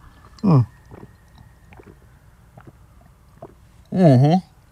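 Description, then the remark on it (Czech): Someone drinks water from a half-litre bottle: a short, throaty gulp, then quiet clicks and small swallowing sounds, ending in a louder, longer voiced gulp. No one speaks. “Já tady mám půl litr vody, tak si to dáme takhle živě.”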